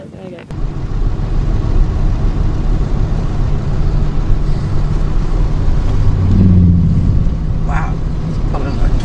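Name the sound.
boat engine running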